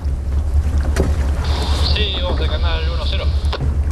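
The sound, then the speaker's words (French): A boat motors steadily through a channel with huge glaciers on both sides, under an overcast sky and falling snow, its deep engine rumble and hull wash continuous, while a voice speaks briefly over the noise. “De part et d'autre du bateau, on a des, des énormes glaciers.”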